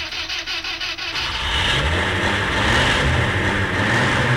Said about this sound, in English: Well, one morning, while I was lying in bed with Sue, as so often happens, my slumber was woken by the next door neighbour starting their car.